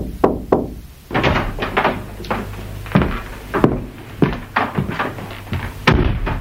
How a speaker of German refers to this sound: Ein flüchtiges Klopfen an der Tür veranlasste Martha zur Unterbrechung der Arbeit.